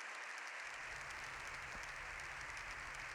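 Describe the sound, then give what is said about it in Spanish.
Sustained applause from members of parliament giving a standing ovation after a speech by Pope Leo XIV, dense and steady clapping, continuous throughout with no voices standing out. “Todas sus señorías han aplaudido puestas en pie.”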